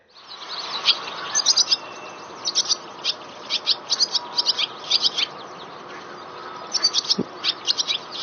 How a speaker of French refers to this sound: Alors, là, ce qu'on entend, c'est une hirondelle rustique. Et donc ici, on parle de notes chaotiques. Alors, je ne sais pas si vous avez entendu à la fin, on a un son qui est assez brut, assez transformé.